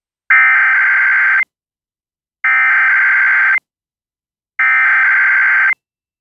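Emergency alert system test tones from a Franklin County Emergency Management test: three loud, harsh, buzzy electronic bursts, each about a second long, separated by even pauses of silence, with no voices.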